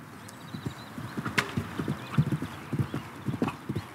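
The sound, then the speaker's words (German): Horse hooves clip-clop in a riding hall on the island of Föhr, a steady, uneven rhythm of many dull low thuds in quick succession at moderate volume, with no voices over them. “Heute stellen 15 Föhrer hier ihre Pferde unter und trainieren auf dem neuen Springplatz und in der Reithalle.”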